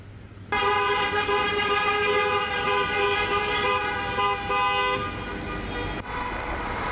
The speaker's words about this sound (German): Auf den Aufnahmen sind Dutzende von Autos und Motorrädern zu sehen.